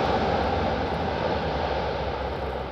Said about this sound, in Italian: Canadair ed elicotteri del Corpo Forestale sono in azione nel territorio di Zafferana Etnea e nel Messinese, tra Castelmuole, Mongiuffi Melia e Aitala.